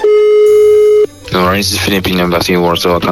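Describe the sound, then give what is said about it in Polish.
One steady, buzzing electronic ringback tone sounds for about a second on an outgoing phone call from Radio Z to the Philippine embassy in Poland, then stops as voices begin talking loudly over the line. “No i dzwonimy do ambasady Filipin w Polsce, żeby przeprosić za to, że pan prezydent no zachował się jak się zachował.”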